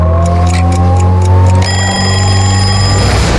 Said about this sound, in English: When the clock ticks at 6:30